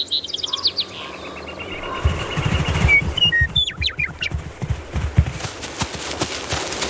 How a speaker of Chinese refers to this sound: 他们漫步在黄石国家公园里，这里已经有了春天的气息，草地上开出一丛丛花，鸟儿开始鸣唱。